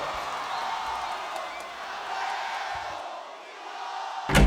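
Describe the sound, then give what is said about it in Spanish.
A crowd cheers and applauds steadily for rock and roll in Mexico, a dense wash of clapping with whoops and shouts rising and falling, ending in a brief louder burst. “aplauso para el rock and roll en México.”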